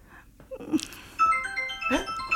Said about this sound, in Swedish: Där ringer hon, det ni hör